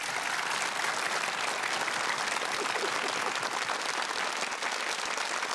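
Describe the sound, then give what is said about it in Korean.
Sustained applause from a large audience encouraging the children's singing group, dense and steady throughout, many hands clapping at once in a continuous wash with no talking over it. “여러분들 응원의 의미로 큰 박수 보내주시죠.”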